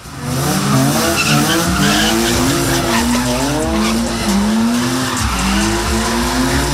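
A car drifts with a loud, continuous tire squeal, its wavering whine rising and falling over a roaring engine, sustained throughout with no one talking.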